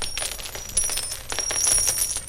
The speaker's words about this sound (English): Did you see that? Am I losing my eyesight? Did gold coins really fall from that donkey's ear? They did indeed.